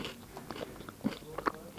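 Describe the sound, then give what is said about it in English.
Crunchy biting and chewing of a strawberry and white chocolate cereal bar, with a run of irregular, moist crunches and a couple of louder snaps near the end, and no talking. “I'm sorry if you don't like chewing noises, you're gonna hate this bit.”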